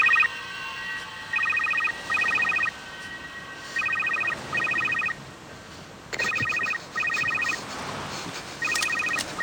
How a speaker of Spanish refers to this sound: Sudoroso, Bennett cierra los ojos acongojado al tener la pistola de Tom en el cuello. De pronto, le suena el teléfono.